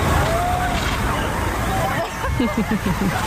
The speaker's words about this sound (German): In Berlin gab es sogar eine Abkühlung aus dem Wasserwerfer. Wir würden jetzt einen Wassernebel rechts über den Gehweg auf die Wiese abgeben. Wenn Sie möchten, dürfen Sie sich gerne in den Sprühnebel reinstellen. Sauberes Wasser, Wassermarsch.